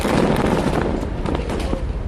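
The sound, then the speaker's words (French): A huge, sustained explosive roar fills the whole clip, dense low rumble with crackling bursts throughout, loud and continuous for a couple of seconds: the Israeli army's demolition blast at Ali Taher in southern Lebanon, using 1,100 tonnes of explosives. “D'abord un immense flash de lumière, une longue ligne de flammes qui s'élève et un bruit assourdissant.”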